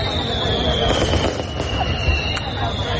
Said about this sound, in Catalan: Celebrar la vida amb petards, per exemple.